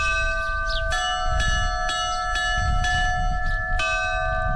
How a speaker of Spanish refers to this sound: y los campaneros de Navarra repicarán las campanas que anuncian el eclipse, el estreno de un sonido inédito.